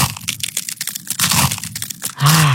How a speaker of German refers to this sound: Eiswaffeln knuspern. Das ist so toll, das macht Spaß.